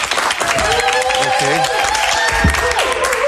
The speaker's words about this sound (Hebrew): תעשו לי כפיים שאני ארגיש שיש פה קהל כאילו.